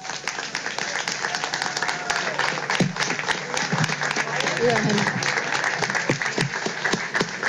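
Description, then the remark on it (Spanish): A crowd applauds steadily during a plaque presentation for the Comercial Lajeño business, dense overlapping claps at a fairly loud, even level for several seconds, with faint voices murmuring underneath. “Allí tenemos la entrega de las placas, así que vamos a brindarle un fuerte aplauso nuevamente a la nueva cepa de la familia”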